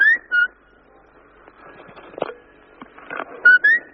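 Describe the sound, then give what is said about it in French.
Someone whistles a few short, clear rising notes, a bright burst at the start and another pair near the end, with quieter rustling and faint clicks in between. “Tu siffles bien, lui.”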